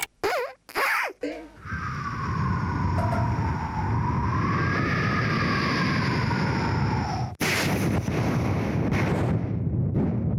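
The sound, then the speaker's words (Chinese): A human voice, performed by a national-level intangible cultural heritage vocal mimicry (kouji) artist, mimics a lightning storm: a few sharp cracking bursts, then a long, loud, steady roar of wind with a wavering whistle, cut by another sudden crash before the rushing continues. “这 太厉害了吧， 这闪电有点厉害到了啊。”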